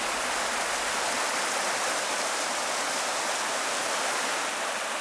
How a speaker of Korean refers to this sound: 화양천 맑은 물 따라 아홉 구비 계곡의 물소리 아름다운 곳 화양 구곡입니다.